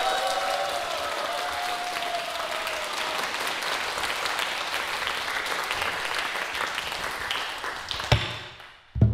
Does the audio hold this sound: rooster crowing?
no